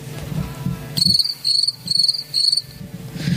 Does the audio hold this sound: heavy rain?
no